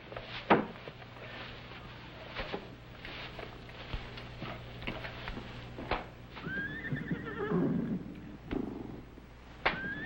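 Horses whinny and neigh, one long rising-and-falling call standing out, while hooves shuffle and thump and low snorting rumbles fill the background.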